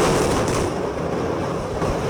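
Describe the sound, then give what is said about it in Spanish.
A dynamite demolition blast on Tower A of a social housing residential complex in Catia La Mar, near Maiquetía airport, heard as a loud, continuous roaring rumble that fills the whole stretch without easing, deep and heavy, with no voices. “Eran 5 torres, todas quedaron inhabilitadas, pero peor había quedado la Torre A y la explosión se escuchó de esta manera.”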